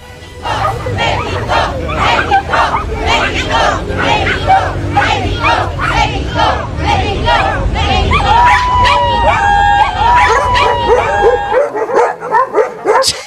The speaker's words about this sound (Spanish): Bueno, eran unos perritos chihuahuas ladrándole al consulado inglés. Es para que no haya reclamos, nadie se puede enojar, pues es un perreo amistoso, ¿no?